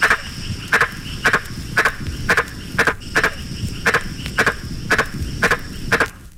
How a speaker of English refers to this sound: This is an advertisement call of a giant green tree frog from Papua New Guinea.